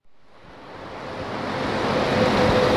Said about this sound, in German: Ein grosses, hellgraues Sandsteinkreuz. Nebendran Verkehr, rundum ist es laut.